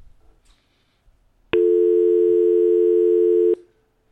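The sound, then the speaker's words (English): A phone line ringing through: one steady electronic ring tone lasting about two seconds, loud, starting and stopping abruptly against near silence, with no one talking. “Well, it rang through that time audible.”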